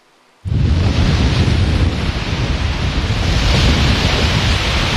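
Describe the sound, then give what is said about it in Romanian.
Loud, continuous roar of sea waves crashing with strong wind buffeting the microphone on the beach in Constanța during a surfing competition, starting abruptly after a brief quiet moment and staying dense and steady throughout, with no voices. “Pe plaja modernă din Constanța, valurile mării și vântul care a suflat cu putere au creat condiții ideale pentru competiție.”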